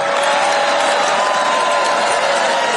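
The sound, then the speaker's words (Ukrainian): The president's supporters at a rally give steady, fairly subdued applause for a few seconds after his promise of $5,000 dividends to every adult citizen, a dense wash of clapping with faint cheers and murmuring mixed in, no standout voices. “Заманливу обіцянку президента його ж прихильники зустріли доволі стриманими оплесками.”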